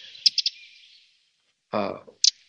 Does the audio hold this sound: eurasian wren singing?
yes